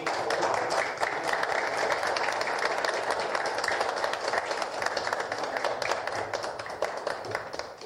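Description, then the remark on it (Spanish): Sustained applause from a sizeable crowd at a municipal award ceremony as a medal of merit is presented, many hands clapping densely and steadily at a fairly loud level for several seconds, with no speech over it. “Fuertes los aplausos.”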